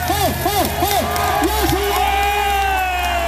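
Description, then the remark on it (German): A festival crowd cheers loudly, with repeated rising-and-falling whoops and shouts over a dense wash of voices and a steady low rumble, sustained throughout. “Ja, also ich glaube ja, am meisten Bock hattet ihr auf die gute Stimmung und wie krass gut die war, das können wir uns jetzt mal anhören.”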